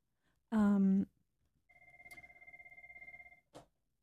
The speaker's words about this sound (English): Uh-oh, I got a phone call.